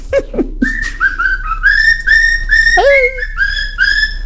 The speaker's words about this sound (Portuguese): E hoje foi o dia dos animaizinhos, das calopsitas. Olha a calopsita aí, ó.